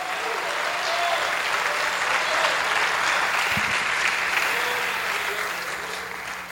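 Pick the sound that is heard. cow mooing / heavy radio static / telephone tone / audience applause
audience applause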